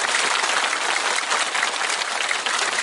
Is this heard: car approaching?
no